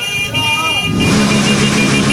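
Motorcycle horns honk in busy street traffic on the Westkruiskade, where cars can barely get through, a loud sustained tooting that swells halfway through over rumbling engines and crowd noise.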